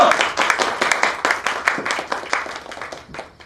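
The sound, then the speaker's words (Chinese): A group at a celebration toast breaks into applause for the young mistress, many hands clapping in a dense, uneven patter that stays fairly loud throughout before tapering slightly at the end. “给大小姐鼓掌。”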